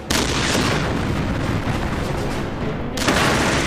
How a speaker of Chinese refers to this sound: 停！用穿甲弹，开火！德军的坦克对我们构成了沉重打击。但是被我们的炮弹击中后，这辆德国坦克爆炸了。